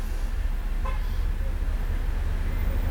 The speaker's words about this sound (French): Une camionnette. Un taxi bleu. Une voiture. Une demi-douzaine de personnes qui traversent. Boulevard Saint-Germain, tout un flot de voitures